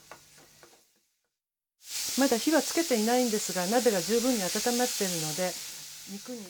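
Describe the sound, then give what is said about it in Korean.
After a brief quiet moment, ground meat starts sizzling in a pot with a steady, fairly loud hiss that continues to the end while someone talks over it; the meat is stirred with a wooden spatula to make fine-grained soboro, with minced ginger already added. “알갱이가 작은 소보로를 만들기 위해 나무 주걱으로 잘 저어가면서 볶습니다.”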